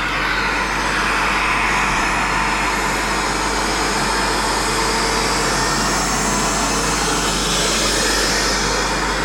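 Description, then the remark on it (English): A loud bus engine revs and pulls away, its steady roar carrying a high, helicopter-like whine throughout, with no talking. The bus is the 10:25 service on route 334, registration YJ14BBF. “the 10:25 was YJ14BBF, which is actually our bus home to today. It is, yeah. She went past, she sounds hilarious, so you know me, I had to record it, so here she is.”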